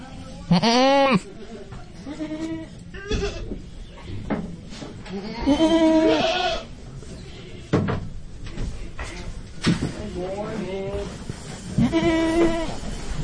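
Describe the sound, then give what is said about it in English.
Several goats bleat loudly and repeatedly in wavering, nasal cries, some overlapping, at a goat auction in North Carolina, amid a busy clatter of knocks and thumps, with faint voices murmuring in the background. “This is A Goat Auction in North Carolina.”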